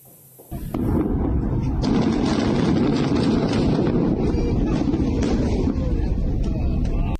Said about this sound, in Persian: این انفجار عظیم پایان عملیاتی چند ماهه در یکی از مهمترین ارتفاعات جنوب لبنان بود. عملیات ارتش اسرائیل برای تصرف رشته کوه علی الطاهر و نابودی شبکه زیرزمینی حزب الله در این منطقه.